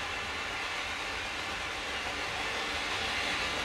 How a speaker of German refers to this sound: Und die S-Bahn fuhr vorbei und die Skinheads randalierten.